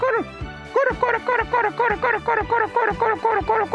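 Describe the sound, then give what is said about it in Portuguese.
A person's voice mimics the call of a saracura wood-rail, repeating a loud, rising-and-falling cackling note about ten times in a fast, steady rhythm. “Tem aquela saracura que ela fica assim.”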